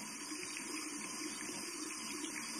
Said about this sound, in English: Why would she leave the tap water running? Does the water bill run cheap?